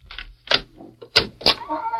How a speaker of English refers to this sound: Close the door.